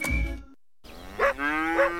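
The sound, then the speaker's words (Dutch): A cow moos in the countryside in a long, low, drawn-out call with rich harmonics, rising in strength twice, after a brief burst of sound and a short silence. “Het geluid van het platteland.”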